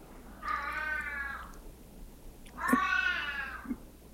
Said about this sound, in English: There's someone who feels he's been treated so bad. My daughter's cat.